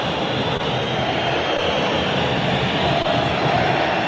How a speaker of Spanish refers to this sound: Con silbidos, con canto de protesta. Escucha a la gente de Racing, enojadísima, ¿eh? Así se termina la etapa inicial en Avellaneda.